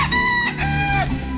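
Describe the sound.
A person imitates a rooster's crow, a single drawn-out, strained cock-a-doodle-doo sung fairly loud, with wavering pitch and no other voices.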